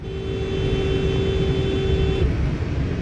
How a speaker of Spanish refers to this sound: El conductor que vigila le toca el claxon como advirtiendo sobre su zigzagueo errático.